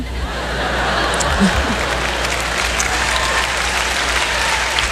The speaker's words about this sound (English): For all you men who aren't clapping, don't worry, my husband hates that joke too.